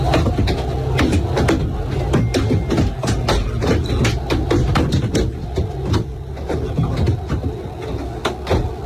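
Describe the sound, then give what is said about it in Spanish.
Heard from inside the Real Madrid team bus arriving at the Camp Nou: repeated sharp bangs and thuds of thrown objects strike the bus body at irregular intervals, some in quick clusters, over a constant low engine rumble and a muffled wash of crowd noise from outside. “Bueno, son 8 segundos nada más, los ha facilitado el club para que vean cómo suena de dentro todo lo que le va cayendo al autobús.”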